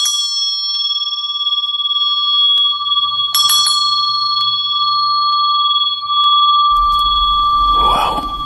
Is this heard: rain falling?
no